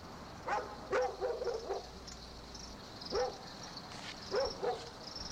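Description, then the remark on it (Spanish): Dogs bark at night in scattered short bursts, a cluster early on and a few more later, over a steady high buzz of night insects. “Una de esas noches, ya cansada de los ladridos, la mujer exclamó: ¿Cómo ladran estos condenados perros?”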